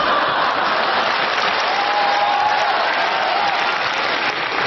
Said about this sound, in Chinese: 听见掌声了吗？ 听见了。